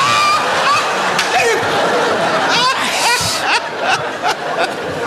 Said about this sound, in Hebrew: אז בוא נשים מים. בשביל מה? מים בשביל קפה.